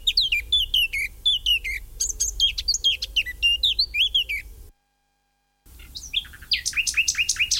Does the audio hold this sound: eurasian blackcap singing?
yes